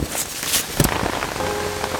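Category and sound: nature, rain falling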